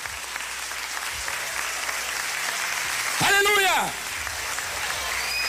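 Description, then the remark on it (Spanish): An audience applauds loudly throughout in praise of the Lord, a dense wash of clapping, while a voice shouts out briefly in the middle over the noise. “¿Cuántos alaban al Señor? Denle un fuerte aplauso.”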